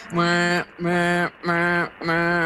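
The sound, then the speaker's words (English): Four loud, steady tonal hoots from a toadfish's boat whistle call, each about half a second long, evenly spaced and rich with harmonics, foghorn-like, with no talking. “They make a variety of sounds, but one of their most well-known is known as the boat whistle, or the foghorn.”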